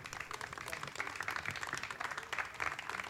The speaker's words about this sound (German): Verdienter Applaus für den Vorstand, weil ohne euch würde das Ganze nicht funktionieren.